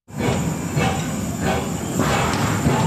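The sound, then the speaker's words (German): A coal-fired steam tram, the first steam tram of Switzerland, rolls through the old town of Bern with a steady, loud rumbling hiss, broken by rhythmic puffs of steam roughly every second. No voices are heard. “Das Dampftram kann durch die Altstadt schnaufen.”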